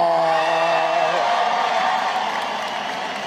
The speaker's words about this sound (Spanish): Los que tienen silla, tomen asiento. Los que no, aplaudir y a gritar en esta gran fiesta.